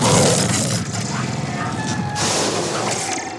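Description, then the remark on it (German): A loud, rumbling T-Rex movie roar made from a mix of baby elephant, alligator, blue whale and lion sounds, holding for about three seconds with a deep growling base and a second surge of rasping bellow near the end. “Und der legendäre Ruf des T-Rex, haben Sie das gewusst? Da war ein Mix aus Lauten von Babyelefanten, Alligatoren, Blauwalen und Löwen.”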